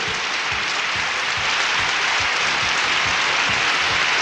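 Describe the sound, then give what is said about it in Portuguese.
Sustained applause from a crowd on a radio show for the 54th anniversary of the restaurant and pizzeria Ana Luísa, the Bar do Dove, in Batatais. Dense, steady claps blend into a loud, even wash of noise throughout, with no voices heard. “Não, vamos aplaudir, pode aplaudir, aê!”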